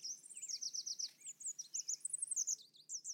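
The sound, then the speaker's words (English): Red warblers singing on a clear, sunny morning in the humid highland forests of Mexico, a continuous stream of high, rapid chirps and trills with several birds overlapping, bright against a faint low background hum. “During the breeding season, between February and May, they happily sing on sunny mornings.”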